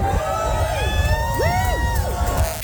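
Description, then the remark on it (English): A crowd of train fans cheers loudly on a platform at Flinders Street Station as the new Extrapolis 2.0 train comes through, with high rising and falling whoops and shouts rising over a steady, dense roar of voices. “The train fans went mad.”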